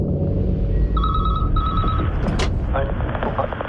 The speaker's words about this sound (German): Ja, und dann klingelt auf einmal irgendwo ein Telefon.